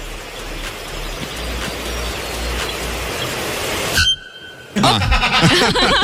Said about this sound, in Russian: Короткий, но понятный ответ дала она ему. Это гологорлый звонарь. Он ей что-то говорил.